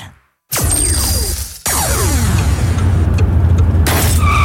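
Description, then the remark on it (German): Steady, loud in-car road rumble is broken by a sudden sharp crack of a stone chip hitting the windshield, with a second abrupt impact moments later as the car keeps driving. “Ein Steinschlag. Am besten schnell reparieren lassen.”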